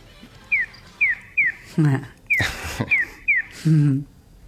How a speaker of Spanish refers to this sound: El gorjeo que escuchamos al principio, este pío pío, es el audio que se escucha en los semáforos que ayuda al peatón a saber de qué lado va a cruzar a qué lado. Es decir, el gorjeo es de este a oeste.